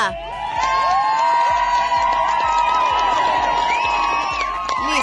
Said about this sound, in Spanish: ¡Wow! ¡Ahí te va tu aplauso con bulla!